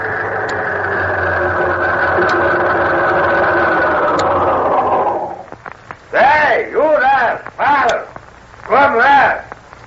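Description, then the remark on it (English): A car engine, of a car driven by Ding Dong, the giant wrestler, runs with a steady, loud droning hum for about five seconds, then cuts out, and several short bursts of people talking follow. “Guess who's in that car?”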